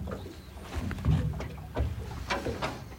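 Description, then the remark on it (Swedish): Soft, irregular lapping of lake water against a boat hull at Nyckelgrundet, with low gurgling splashes coming every half second or so, and faint tern calls some way off. “Kanske att man hör lite tärnor en bit bort, men annars hör man ju klucket i alla fall från...”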